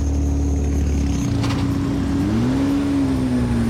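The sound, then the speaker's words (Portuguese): A Porsche race car, number 64, runs its engine loud, holding a steady idle before its pitch swells upward in a brief rev, then settling with a continuous mechanical drone. “Muito obrigado por ter desligado o carro, é sempre mais fácil falar com vocês.”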